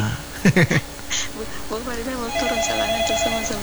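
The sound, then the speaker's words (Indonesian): A telephone rings in short repeated bursts near the start, followed by people talking over a steady electronic tone in the background. “Ah, itu berdering-dering di belakang.”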